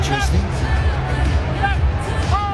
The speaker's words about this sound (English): Crowd booing Luai. I don't love him here in Brisbane.